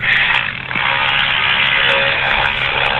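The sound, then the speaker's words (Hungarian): A loud, steady air-conditioner hum drones throughout, a dense hissing roar that smothers a song playing faintly underneath; nobody speaks. “Ebben az órában is volt egy dal, amit a klíma hangja elnyomott.”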